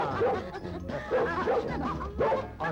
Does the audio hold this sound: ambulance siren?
no